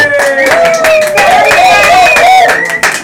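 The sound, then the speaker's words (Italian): The audience at Hub 52 in the city of Ancona applauds loudly with dense, steady clapping, while sustained cheering voices and whoops rise and fall over the top throughout. “La voce che se le voci che sentite, l'applauso, è il meraviglioso pubblico dell'Hub 52.”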